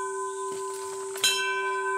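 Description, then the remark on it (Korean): A temple bell on Mudeungsan in Hwasun, South Korea, rings with a long sustained tone, and a fresh strike near the middle brings a bright metallic attack before the deep hum keeps ringing on. No one speaks. “종소리 좋다.”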